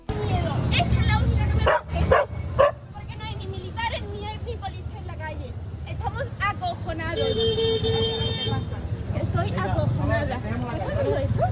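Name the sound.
dog barking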